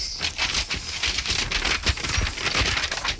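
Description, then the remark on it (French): Papers of an autopsy report rustle and crinkle continuously as they are handled, a dense patter of crisp, dry crackles with no one speaking. “Vous avez du mal avec vos papiers, vous voulez de l'aide ?”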